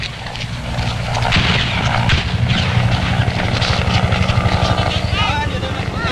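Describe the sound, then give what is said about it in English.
A helicopter's rotors thump loudly and steadily, a dense pulsing roar with engine whine, while indistinct voices are partly buried beneath the noise: the last American helicopter preparing to lift off the roof of the American embassy in Saigon with evacuees, 8 o'clock, April 30, 1975. “The last American helicopter on the roof of the American embassy prepares to lift off the last of the evacuees fleeing before the advancing communist armies.”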